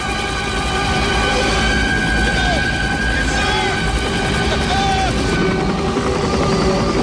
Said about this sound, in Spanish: Estamos escuchando hasta el helicóptero. Sí, y escucharemos los disparos de las ametralladoras y las bombas.